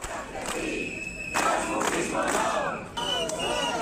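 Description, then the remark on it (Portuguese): A large crowd protesting against a council motion chants and shouts outside the Casa do Concello, Lugo's town hall, a dense roar of many voices swelling in loud rhythmic surges, with whistles and sharp cries cutting through. “Mentres no exterior, no Concello de Lugo, diante da Casa do Concello, celebrabase unha manifestación en protesta contra a moción.”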